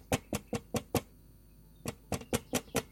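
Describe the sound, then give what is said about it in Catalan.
Sharp, crisp knocks rap on a window's glass panes in two quick bursts of five evenly spaced taps, separated by a short silence, as a boy who has climbed a mulberry tree beside the window taps on the glass. No voices are heard. “El xicot s'enfila per una morera tocada a la finestra de la Mariona i tustà els vidres.”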